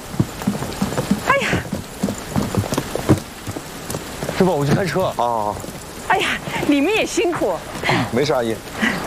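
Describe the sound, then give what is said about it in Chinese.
Steady rain patters down throughout, a continuous hiss of drops striking a surface, while several people talk over it. “哎呦，这个下雨了，我要不要给你们找个伞呀？”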